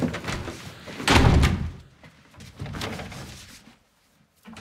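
A door slams shut with a loud, heavy bang, followed by a few quieter thuds and rattles before it falls nearly silent.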